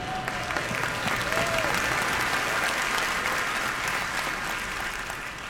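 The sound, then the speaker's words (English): A crowd applauds steadily for several seconds, a dense wash of many hands clapping at an even level, with a couple of brief whistles rising over it near the start. “Oh, you should have clapped a lot louder for that.”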